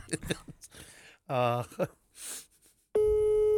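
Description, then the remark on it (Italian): Voices talk briefly, then a loud, steady telephone line tone starts abruptly during a phone call and holds unbroken to the end, a flat electronic hum heard alone. “Vedi? Telefonata. Sentiamo la risposta.”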